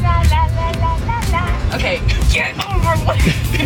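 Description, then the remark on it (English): A 10-foot box truck's engine rumbles loudly and steadily from inside the cab while a woman drives it, a wavering voice singing or humming over the constant low road noise. “Here's a little bit of her driving said box truck.”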